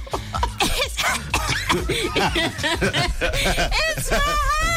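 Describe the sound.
Several loud coughs break out on air on Yarona FM radio amid lively talking and snickering laughter, the harsh bursts scattered unevenly through the chatter.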